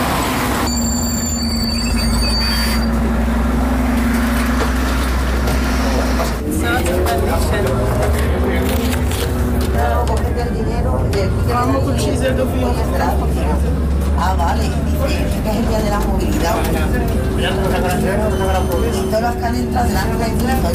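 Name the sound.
inside a city bus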